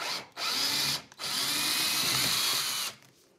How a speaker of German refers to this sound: Nochmal einen Akkuschrauber.